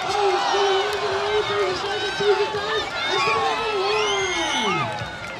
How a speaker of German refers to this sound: Jubel von allen Seiten.